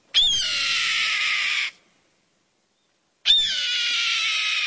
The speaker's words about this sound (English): Yep, that's the cry of a red-tailed hawk soaring overhead.